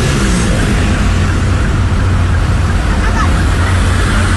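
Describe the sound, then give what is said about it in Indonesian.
An Akas bus, plate N7469UQ, driving recklessly and zigzagging through road traffic from Lawang toward Singosari, nearly grazing a motorbike, with a loud, steady roar of engines and tires and a deep low rumble that holds constant without a break. “Iya, ini bus ugal-ugalan Akas N7469UQ. Dari arah Lawang ke Singosari zigzag, hampir nyerempet motor juga.”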